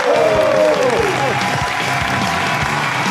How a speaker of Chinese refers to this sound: 那我们接下来请上我们今天嘉宾，影视演员也是著名的主持人苗博老师，掌声有请。